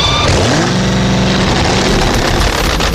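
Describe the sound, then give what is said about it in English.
A powerful 2,000-horsepower supercharged drag racing engine revs up loudly, its pitch climbing then holding in a harsh, rumbling roar that fills the whole few seconds. “Put in a 2,000-horsepower supercharged drag racing engine.”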